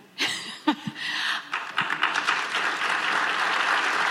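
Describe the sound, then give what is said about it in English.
A round of applause from delegates of Western provinces and states at the Pacific Northwest Economic meeting in Edmonton, during Premier Danielle Smith's talk on Alberta staying in Canada, starting with a few scattered claps and quickly swelling into steady, dense clapping that continues evenly to the end. “Talk of Alberta staying in Canada, getting a round of applause during Premier Danielle Smith's talk about what the province can offer North America.”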